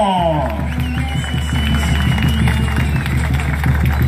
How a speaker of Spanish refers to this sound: ¡Feliz Feria Tejutla San Marcos en honor al apóstol Santiago! ¡Y que se escuche ese aplauso!